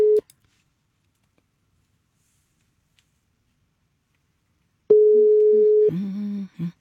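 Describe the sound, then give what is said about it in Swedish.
A telephone ringback tone while phoning a finalist of a new-music talent contest: a steady mid-pitched beep cuts off, then after a long silent gap sounds again for about a second before the line picks up with a brief muffled noise. “Istället så tar jag och ringer finalist nummer 3 här. Ska vi se om jag får något svar.”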